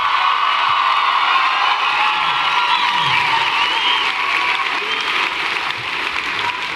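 A crowd at a live show claps loudly and steadily for several seconds for the band on stage, with scattered cheers and whoops rising above the dense applause, which tapers only slightly toward the end.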